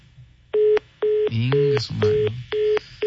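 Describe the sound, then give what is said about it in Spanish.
A line goes dead as the person on a prank call hangs up, and a telephone tone beeps in short, evenly spaced pulses, about five in a row, while a voice briefly murmurs over the middle beeps. “Creo que esa colgada de teléfono y una mentada de mother, exactamente lo mismo,”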